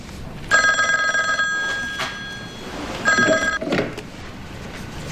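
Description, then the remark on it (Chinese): A telephone rings on an outgoing call to Mayor Lü, two bursts of a bright electronic trill separated by a pause of about a second and a half, clear with no one speaking. “嗯，时间差不多了，你去给吕镇长打电话，探一下他的口风。”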